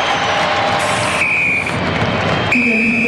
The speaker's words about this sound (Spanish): Ahí está el pitazo de Rodrigo Carvajal. Pitazo final. Termina el partido.